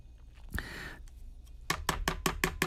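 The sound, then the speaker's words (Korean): A knife chops steadily on a cutting board during food preparation, about six or seven crisp, evenly spaced strikes, after a brief scrape and a quiet pause, with no talking. “칼질하는 소리.”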